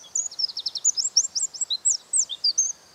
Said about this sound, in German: Der Zaunkönig ist ein wahres Stimmwunder.